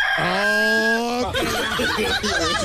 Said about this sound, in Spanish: ¿Qué pasa con ese gallo,